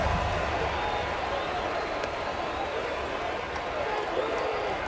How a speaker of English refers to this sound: And Pete Alonso's coming to the plate. And the crowd loves this moment.